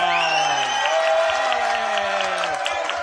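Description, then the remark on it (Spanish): An audience breaks into steady, loud applause that holds for about three seconds, a dense wash of clapping with sustained tones and crowd voices layered underneath. “¡Un aplauso!”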